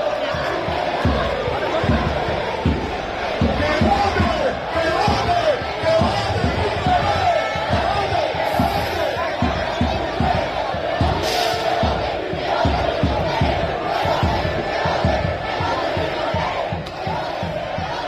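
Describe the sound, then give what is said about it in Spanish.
A large crowd of Hércules football fans at the Puerta Cero chants and roars loudly and continuously to welcome the team before the final against Lleida, with rhythmic thumping beats, claps or drum hits driving the chant throughout. “Vaya recibimiento de los aficionados de la Puerta Cero”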